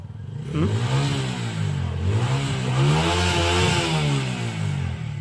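Motorcycles gathered at 1 a.m. on a weekend in the town of Coracora rev their engines repeatedly, pitch rising and falling in rough waves, loud, with a steady idling rumble underneath and no voices.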